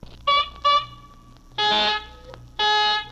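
Someone blows their nose into a handkerchief with loud, horn-like honks: two short blasts, then two longer, raspier ones after a pause, with no talking.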